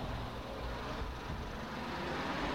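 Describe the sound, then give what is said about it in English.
A bus pulls up with a steady, low engine rumble and broad road noise, holding at an even, moderate level for a few seconds with no voices. “Oh, here's the bus here.”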